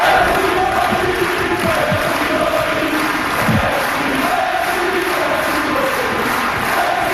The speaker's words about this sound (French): La foule l'a remercié pour son spectacle. Écoutons un extrait de la foule qui scande son nom.